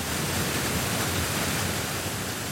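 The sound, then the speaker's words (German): A dense, steady roar of water thundering down with spray shooting upward, loud with no pauses, at the river power plant on the Höllensteinsee in the Bavarian Forest, and no voices. “Auch wenn heutzutage vieles nicht mehr von Hand geschieht, wenn das Wasser nach unten donnert, die Gischt nach oben spritzt, dann ist immer noch die Faszination da für dieses Bauwerk und für die Kraft der Natur, auch nach 100 Jahren.”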